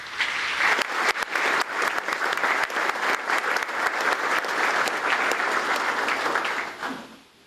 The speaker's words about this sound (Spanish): Sean todos entonces bienvenidos y gracias, Monseñor, por presidir esta Eucaristía y acompañarnos en esta mañana junto con todos los padres. Los acogemos con un fuerte aplauso.